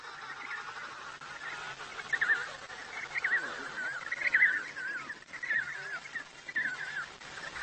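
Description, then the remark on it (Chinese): Loud, insistent penguin chick calls repeat in bursts, high and reedy with warbling pitch, over a steady colony din of other birds' cries, as a chick calls ever louder, eager for its mother to feed it while the mothers listen to pick out their own chicks. “母亲们弯下头仔细听小企鹅的叫声，小企鹅叫得更响了，急切地希望得到母亲喂食。”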